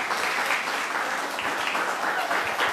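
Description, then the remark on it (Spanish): Loud, sustained applause from the audience at a quiz contest, with dense overlapping clapping that holds steady throughout, a bright crackling wash with no pauses. “Pues el aplauso fuerte.”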